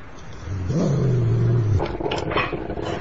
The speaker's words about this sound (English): What's it called? It's a dog.